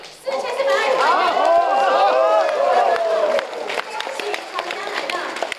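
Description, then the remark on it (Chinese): A crowd at a coin auction breaks into applause as a buyer in the room bids 40 million yuan for a Guangdong Double Dragon Shou-character pattern coin; scattered claps mix with a loud swell of excited overlapping voices, then settle into lighter clapping and chatter toward the end. “当现场买家出价4000万元时，现场一片掌声。”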